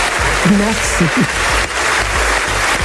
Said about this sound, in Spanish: Larga y sin duda merecida ovación para ….